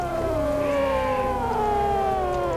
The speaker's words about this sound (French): À l'extrémité nord de notre planète, s'étend une région gelée que l'on appelle l'Arctique. Là-bas, la banquise craque, elle bouge et parfois, elle chante d'étonnantes mélodies.